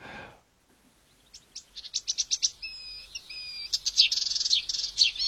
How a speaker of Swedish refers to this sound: Vi tar och ser om vi kan höra lite på kärresångaren.